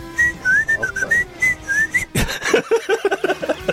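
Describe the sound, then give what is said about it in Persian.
A person whistles a wavering melody for about two seconds, sounding somewhat distant and off-mic, followed by a burst of louder clattering and muffled voice-like sounds. “تو کردی اونور، من سوت میزنم.”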